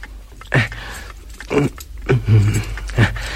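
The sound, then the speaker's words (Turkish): A box being opened, with four or five short clattering, rattling bursts of handling spaced across a few seconds and no one speaking. “aç çabuk şu kutuyu, pek merak ettim içindekini.”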